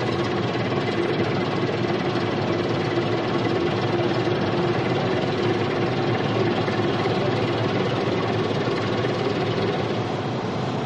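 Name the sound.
motorboat engine idling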